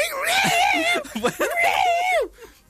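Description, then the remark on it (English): A person's voice mimics two cats fighting in a back garden, with long, wavering high-pitched yowls at the start and end and a choppier growling stretch in between, loud. “And then today, I was in the kitchen, and I heard two cats fighting.”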